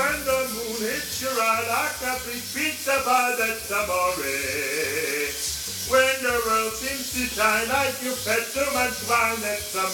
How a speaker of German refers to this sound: Hier eine kleine Aufnahme von heute Morgen bei mir unter der Dusche.